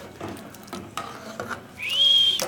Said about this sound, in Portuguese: Sei que você tá ouvindo aí a concha passando dentro da panela ali, o caldão de carne ali com mandioca.